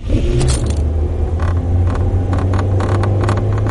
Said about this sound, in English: Does your car rattle like an old washing machine? If it does, you'd probably rather have another car. In fact, annoying interior noises can ruin a car's consumer satisfaction rating,